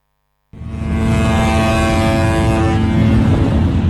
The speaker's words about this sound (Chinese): 中午12时，在浙江温岭市石塘镇钓帮渔港内，471艘渔船鸣笛起航，奔赴东海渔场。